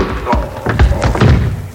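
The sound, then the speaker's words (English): A quick flurry of heavy, dull punch thuds as a prison guard is slugged, several blows landing in uneven succession, each a loud low-pitched impact with a short slap at the attack. “As soon as the guard passes, I'll grab him, slug him, and I'll grab his guns.”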